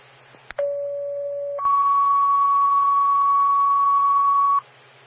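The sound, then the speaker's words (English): Fire dispatch paging alert tones over a radio channel for a fire department, calling it to a possible structure fire: a click, then a steady lower tone for about a second, followed by a longer, higher tone, over a background of static hiss. “Standby for tones on an impossible structure fire.”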